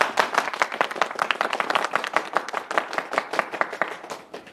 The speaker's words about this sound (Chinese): 大家鼓掌欢迎。